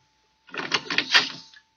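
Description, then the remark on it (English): A few soft taps on a kitchen door, blurring into a brief rattling, scraping texture that lasts about a second with no voices. “She heard a gentle tap on the kitchen door and quietly went to answer.”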